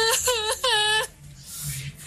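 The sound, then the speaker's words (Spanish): A voice imitates the inconsolable wailing of a woman heard crying in the street on an unusually cold night: two loud, high, quavering cries in quick succession, followed by a breathy, fading exhale. “y se comenzó a escuchar en la calle, en el frente, como alguien que lloraba, una mujer que lloraba, pero lloraba desconsolada. Era un llanto fuerte y horrible. Se escuchaba así como...”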